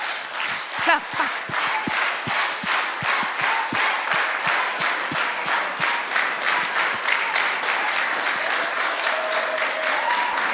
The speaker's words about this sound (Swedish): Fortsätt klappa. Heja. Vänster sida, är det klar? Jajamän, bra. Och höger sida, ni är ju fler. Ja, men ni kämpar på.